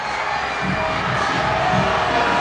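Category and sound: crowd, stadium crowd booing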